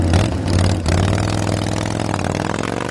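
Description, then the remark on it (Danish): Loud Harley-Davidson motorcycle engines rev and rumble steadily, a deep throbbing growl with a brief dip before the revving surges back, as thousands of motorcycles arrive in Fredericia, Denmark, for the Super Rally, Europe's largest Harley-Davidson meet. No voices. “For lige nu er motorcykler i tusindvis på vej til Harley-Davidson-træf i byen.”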